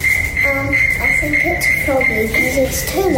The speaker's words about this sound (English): The debate that's happening in my house at the moment has got to do with this sound. It's a little annoying, isn't it? It's definitely high pitched. That's not a cricket noise. That's croaking.